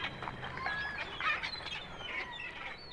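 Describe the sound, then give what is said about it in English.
A parrot squawks in a run of harsh, raspy bird calls, several loud screechy bursts in quick succession, with no talking. “A patch on the eye, a squawking parrot, and lots of buried treasure.”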